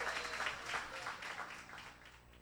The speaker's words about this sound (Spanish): aplauso, el aplauso, el aplauso para ustedes.